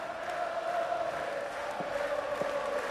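About 5,000 fans in the Roig Arena roar and applaud in a steady, continuous wash of cheering as captain Josep Puerto presents the Liga ACB trophy to them, with a thin sustained tone running through the noise and no voice standing out.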